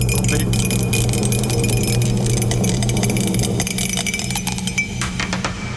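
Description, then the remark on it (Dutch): A die is dropped and tumbles, landing on six, a dense run of small sharp clicks and rattles that gradually thin out, over a steady low background hum. “Ik heb de dobbelsteen laten vallen.”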